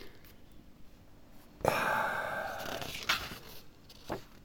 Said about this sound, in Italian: Scusate, devo girare pagina.